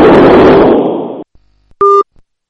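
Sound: phone busy tone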